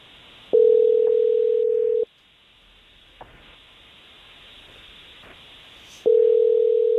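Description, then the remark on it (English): A steady telephone ringing tone over the line as the Jesse James Morning Show radio program calls a man, heard twice as long buzzing pulses separated by a few seconds of quiet hiss, with no one talking. “We're going to give this Logan guy a call.”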